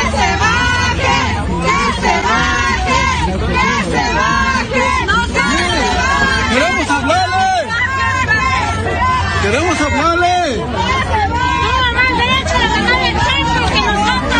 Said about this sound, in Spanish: Aquí escuchen cómo la gente le reclama.